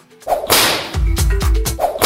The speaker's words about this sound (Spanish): ¿Cómo suena, eh? ¡Latigazo!